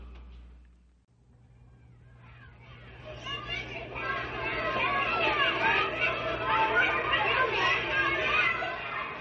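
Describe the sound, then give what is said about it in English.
A crowd of children coming home from school shouting and laughing, the excited babble starting faintly and quickly swelling into a loud, continuous clamor of overlapping high voices over a low steady hum. “The shouting and laughter of children coming home from school is most enjoyable.”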